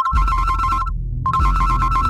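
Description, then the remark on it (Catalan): A telephone rings in two electronic bursts separated by a short pause, a steady pulsing tone, loud over a low background rumble, with no one speaking. “Una altra vegada el telèfon que no t'ura de sonar?”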